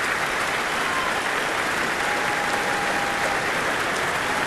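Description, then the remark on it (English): A large concert hall audience applauds a soloist taking her applause on stage with conductor Lahav Shani and the Munich Philharmonic Orchestra, in a steady, dense wash of clapping that holds at an even, fairly loud level throughout, with no voices standing out. “Weaving her way through the orchestra and being pushed forward to take the applause on her own by Lahav, which she insists on having the orchestra stand behind her.”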